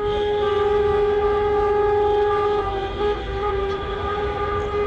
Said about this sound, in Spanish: Decía yo esta mañana que estos sonidos de claxon podrían parecer, bueno, pues la celebración del Mundial, pero nada más lejos de la realidad. Se trata de una manera de protestar de las autoescuelas andaluces porque sigue el retraso en los exámenes.